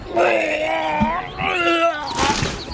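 Someone vomiting: two long, strained retching heaves with a wavering, groaning voice, then a short rough gush of noise at the end. No words are spoken.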